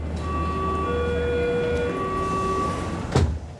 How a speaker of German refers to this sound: Ich nehme die U-Bahn. Die ist bestimmt nicht vom Blitz getroffen.